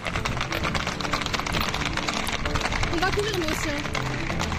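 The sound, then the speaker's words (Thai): A herd of horses gallops past, with dense, rapid hoofbeats clattering loudly and continuously. Muffled voices and a brief higher call can be heard beneath the thundering hooves. Many horses from a farm are fleeing a wildfire spreading toward Bordeaux, France. “ม้าจำนวนมากจากฟาร์มหนีตายหลังสัมผัสได้ถึงอันตรายแบบสุดขั้ว”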